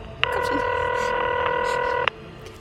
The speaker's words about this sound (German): Mein Blick fiel auf das Telefon. Ich griff nach dem Hörer und wählte.